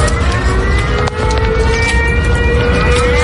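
air raid alert siren

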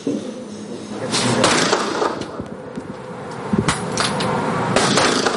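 gunshots

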